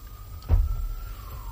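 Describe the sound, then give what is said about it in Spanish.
An ambulance siren holds a thin, steady wailing tone that slowly drifts lower in pitch, over low rumbling background noise with a brief dull thump. “Es una ambulancia. Lo que escuchan viene, es por mí.”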